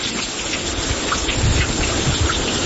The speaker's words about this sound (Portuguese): Desde quinta-feira que chove direto. Já vinha chovendo antes, agora direto assim desde quinta.